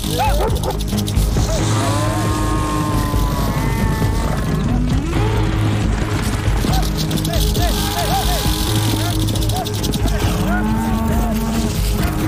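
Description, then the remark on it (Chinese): A herd of cattle mooing loudly and repeatedly, several overlapping low calls and rising bellows over a steady, busy rumble of animals. “要是被牛或者马踩到，将是致命的。”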